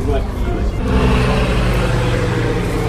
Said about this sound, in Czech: Oslavy začaly pietou u Kašparovy rodinné hrobky na městském hřbitově, kdy nad hlavami lidí přeletělo malé elektrické letadlo. Přelétne nad našimi hlavami inovativní, moderní letoun 15 Fénix.